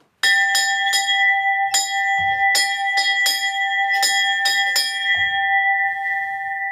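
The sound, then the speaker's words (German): A large cowbell, the bell used for the cattle's homeward drive from the alpine pasture, swung and rung, about ten loud clangs in an uneven rhythm, its deep metallic tone humming on and fading out after the last strike. “Und da ist die Heimfahrglocken. Sollte das einmal läuten?”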